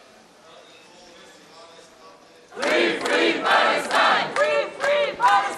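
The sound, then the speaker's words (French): A quiet murmur gives way to a loud crowd shouting and chanting slogans together in rhythmic bursts, with applause mixed in, energetic, as French pro-Palestinian flotilla activists are welcomed by their relatives at Paris Charles de Gaulle airport. “Sous les applaudissements et les slogans, les militants français de la flottille sont accueillis par leurs proches.”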